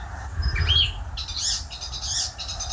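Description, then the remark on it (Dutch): An icterine warbler sings a fast, varied jumble of squeaky chirps, whistles and harsh notes in quick bursts on a plot of land in Stockholm, over a low background rumble. “Wat een bijzondere, ja, beetje maffe vogel is die spotvogel toch. Razendsnelle geluiden.”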